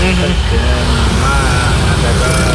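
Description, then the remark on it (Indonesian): A steady, loud low rumble of idling car and motorcycle engines in a traffic jam at Tunggul Wulung around 21:46 at night, droning without a break, with faint voices mixed in. “Macet ya.”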